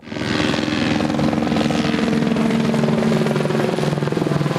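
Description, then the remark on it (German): Firefighting helicopters flying over a pine forest near Weikersdorf every minute, ferrying water from basins set up on the fields: a loud, steady helicopter roar with fast rotor chopping pulsing throughout, a broad whirring drone that holds constant for several seconds with no voices. “Im Minutentakt fliegen die Löschhubschrauber hier über den Föhrenwald.”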